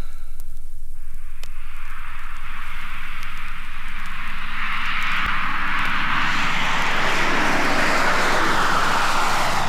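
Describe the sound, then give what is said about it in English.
A loud aircraft engine roars and steadily builds in pitch and intensity, swelling into a rushing takeoff blast with a hiss of static. No voices are heard. “Whoa, is this plane ready for takeoff yet?”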